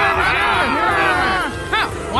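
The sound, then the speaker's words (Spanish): A crowd shouts loudly and continuously, many overlapping voices rising and falling in wavering cries, with a couple of sharper, higher yells breaking out near the end. “Pero la multitud siguió gritando cada vez más fuerte.”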